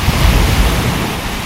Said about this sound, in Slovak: čo to je? Voda, more. Morské vlny, presne tak. To sme spoznali.